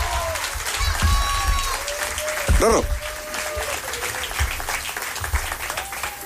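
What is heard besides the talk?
audience applause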